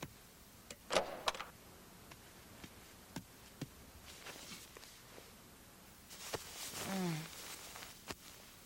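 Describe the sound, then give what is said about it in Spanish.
A door eases open just a little: a couple of soft clicks from the latch, then a short, faint creak of the hinge amid quiet rustling and small knocks. “¿Podrías abrir la puerta solo un poquito?”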